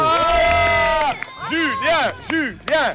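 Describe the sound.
A group of children cheering loudly: one long sustained shout, then a run of rhythmic chanted calls whose voices swoop up and down in pitch, like a celebratory chant.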